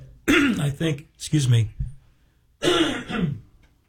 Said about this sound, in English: I'd stop breathing, but then other things would end too, but that's where all this coughing comes from.